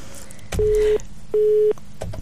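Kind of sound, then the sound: signal or alarm, telephone busy tone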